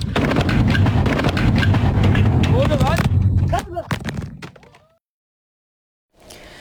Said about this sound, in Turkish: Niğde'nin Bor ilçesindeki havai fişek fabrikasında patlama oldu.